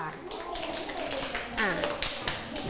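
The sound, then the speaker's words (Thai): A group of students in a class clapping for a classmate who answered a question, in a quick, uneven patter that carries on for a few seconds, with a voice talking over the applause. “ทีนี้นะคะปรบมือให้เพื่อนที่ตอบด้วยค่ะ”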